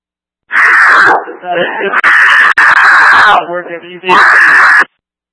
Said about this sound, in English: I could not copy. All I'm getting is yelling at you.